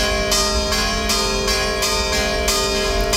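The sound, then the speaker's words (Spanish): Church bells in Otura, Spain, ring the traditional rapid alarm peal (toque a rebato) used to warn residents of emergencies, loud, with strikes repeating every half second or so in a steady, urgent rhythm and long metallic ringing between hits. “Este que escuchan es justo el toque a rebato, un toque de campanas rápido y constante que ha recuperado el ayuntamiento como método de aviso a los vecinos ante una situación de emergencia, algo que no se utilizaba desde 1993.”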